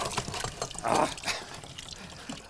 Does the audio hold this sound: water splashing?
yes